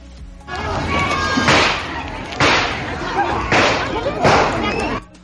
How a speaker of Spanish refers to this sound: Fueron como 6 balazos, es lo que nos estaba diciendo ahí la red, que estuvo siempre presente como en todos lados.